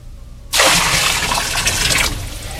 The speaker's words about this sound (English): On the altar is the bullock and pieces of wood. I have had water brought forth in barrels, which shall now be poured over the bullock and the wood.